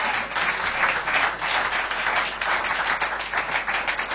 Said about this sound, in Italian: Nel frattempo sul palco sta salendo Riccardo Savioli, che accogliamo con un applauso.